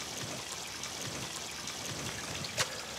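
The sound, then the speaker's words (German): Water trickles and splashes steadily from a small fountain in a garden area devoted to the element water, a continuous bright babbling that fills the scene, with one brief sharper splash or click near the end. “Der erste Raum hier ist dem Element Wasser gewidmet.”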